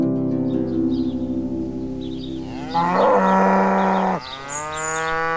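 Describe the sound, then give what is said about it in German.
A cow moos loudly, a long drawn-out low call that rises into a strained bellow before cutting off, with faint birds chirping in the background of an open meadow. “Die Kuh da vorne wundert sich bestimmt, warum ich hier so auf der Wiese rumstehe.”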